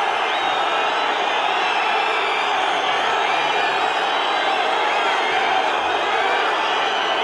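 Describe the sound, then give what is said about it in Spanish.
A large stadium crowd whistles loudly and continuously at the referee trio leaving the pitch at half-time of a Club Deportivo Toledo versus Albacete football match, many shrill overlapping whistles blending into a steady roar of jeering noise, with no clear voices standing out. “Vaya pitada.”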